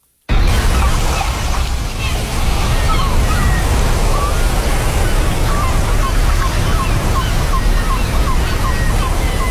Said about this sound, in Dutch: Dit is inderdaad het strandgeluid. En wat ik er dan nog lekkerder bij vind... is op een heel druk strand dat je dan al die geluiden van mensen nog hebt.